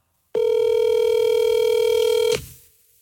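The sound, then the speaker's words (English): A single steady electronic telephone tone sounds for about two seconds, clear, as a man calls his wife on his phone, then cuts off into quiet background hum. No one speaks. “Oh, well, surprise, let me call my wife real quick. I got my phone here.”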